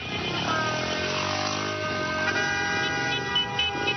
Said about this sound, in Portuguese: que buzinaço é esse, mulher?